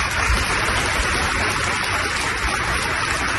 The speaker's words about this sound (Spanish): Es el aplauso y el homenaje que se ha escuchado hoy en ese funeral.